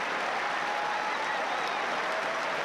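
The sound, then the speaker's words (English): A large Wimbledon tennis crowd applauds Davidovic Fokina after a long grass-court match, a dense wash of many hands clapping at once that holds at an even, fairly loud level throughout with no voices standing out. “And Davidovic Fokina getting a big round of applause, well deserved.”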